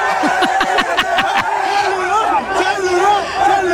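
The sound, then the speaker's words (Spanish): A crowd cheers and whoops loudly, many voices overlapping in a steady, excited roar with rising shouts throughout, continuous for a few seconds, as a woman unlocks a phone with its passcode to prove it is hers. “Y hay porra.”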